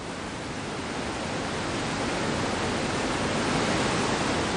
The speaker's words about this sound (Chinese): 山有多高，水有多高，高山仰止之地，是雷奔入江的钱江源大瀑布。